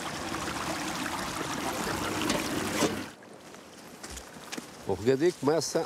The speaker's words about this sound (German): Schon fließt es in diese Richtung. Die Menschen, der Kunde macht es, nicht ich. Ich öffne nur das Beckenventil. Der Kunde leitet dann hier das Wasser um. Dort weiter unten machen sie es genauso. Und so verwaltet jeder sein eigenes Wasser.